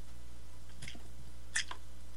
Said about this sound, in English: Let me get a slurp here.